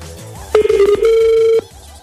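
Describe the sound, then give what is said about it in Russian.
A telephone ringback tone sounds once: a steady, mid-pitched electronic hum lasting about a second, wavering briefly at its start, then stopping as the call goes unanswered. Nobody speaks. “А, смотрите, слушайте, смотрите, он пишет, он присылает, он не подходит, но присылает два эмодзи, типа, рожица и, типа, большой палец вверх.”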